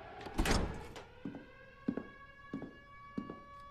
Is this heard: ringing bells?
no